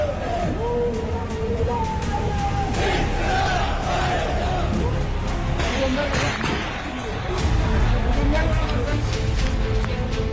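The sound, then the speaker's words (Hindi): A large outdoor protest crowd in the streets of Pakistan-occupied Kashmir (PoJK), in Muzaffarabad, chants slogans against Pakistani rule, the Shahbaz government and army chief Munir, in a steady, loud roar of many voices, swelling slightly louder toward the end. “शहबाज सरकार के होश उड़ाने के लिए भीड़ पीओजेके की सड़कों पर उतरी है।”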